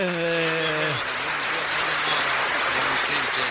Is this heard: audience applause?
yes